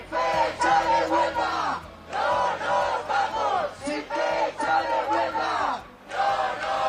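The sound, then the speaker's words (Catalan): A loud crowd at a union-called protest for access to housing chants in rhythmic bursts, many voices shouting together in repeated phrases separated by brief pauses, sustained and energetic throughout. “Ja ho sentiu, els sindicats convocants asseguren que el clan popular és unànim.”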